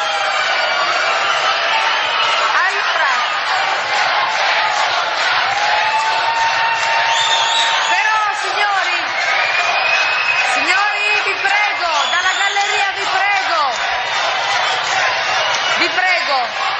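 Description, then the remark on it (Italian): A loud, stadium-style crowd roars continuously: a theatre audience in the gallery and stalls shouting its disagreement. Many voices overlap in shouts and whoops that rise and fall in pitch, with no single speaker standing out. “tifo da stadio, capisco la vostra contrarietà, capisco la vostra contrarietà.”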